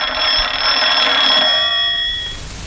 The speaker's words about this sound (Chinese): 哎，啊，团长电话。